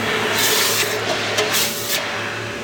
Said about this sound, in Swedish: Då tänker jag droppa den här i hinken nu. Jaha. Jag kommer att pysa och fräsa och greja.